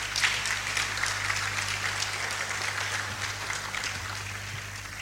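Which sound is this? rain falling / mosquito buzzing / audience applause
audience applause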